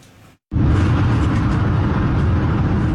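After a brief quiet gap, a loud, steady roar of highway traffic sets in, dense low rumble with tire hiss carrying on continuously as vehicles stream past on Highway 78 in the Ottawa Street area of Kitchener, Ontario, where an e-scooter rider weaves in and out of traffic.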